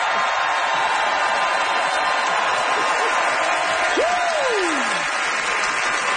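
An audience applauds steadily and loudly for about six seconds for a debater's defense of table service, a dense wash of clapping, with a single rising-then-falling whoop cutting through near the end.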